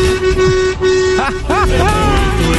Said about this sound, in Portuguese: De buzinaço.